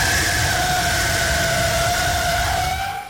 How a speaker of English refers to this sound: The sound of an automobile skidding sideways from one intersection to the next. And all he could hear out there is this sound.